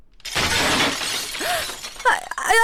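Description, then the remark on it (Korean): A flower pot breaks with a loud crash while someone is cleaning, followed by ceramic shards scattering and clattering for a couple of seconds, with no voices. “아, 화분 깨졌네.”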